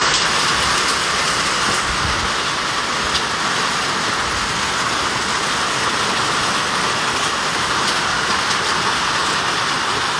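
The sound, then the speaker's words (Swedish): Heavy rain pours down in a steady, dense hiss and roar that never lets up, filling a rain barrel in five minutes at a home in Västernorrland, Sweden, with water splashing and no voices at all. “Hör ni, det regnar jättemycket över Västernorrland på sina håll.”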